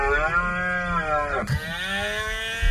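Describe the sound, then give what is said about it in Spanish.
A red deer stag bellows during the autumn rut (the berrea) in a nature park: one long, loud, rough roar whose pitch sinks and then resumes after a brief catch midway, lasting almost three seconds with no talking. “Durante estas semanas, además, el parque vive uno de los momentos más especiales con la berrea.”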